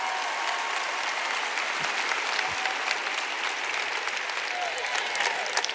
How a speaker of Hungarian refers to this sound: Hát nem gyönyörűek? Adjunk nekik egy tapsot.